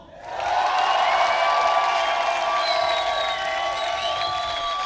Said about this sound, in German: Noch ein Applaus für alle Acts, genau, die heute Abend aufgetreten sind. Ja, warte, wir machen das anders. Nicht alle Acts, sondern wir wollen jetzt einen fetten Applaus für ….